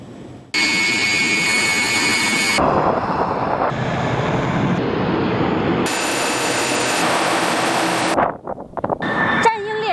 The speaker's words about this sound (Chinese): 引擎轰鸣，就在刚刚，数架歼11B 战机与数百公里外的雷达、地导、电抗分队密切协同，完成了一场高强度的战术对抗训练。